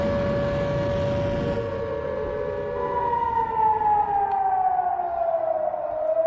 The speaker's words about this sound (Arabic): التلفزيون الكويتي في الخبر العاجل تفعيل صافرة الإنذار في الكويت.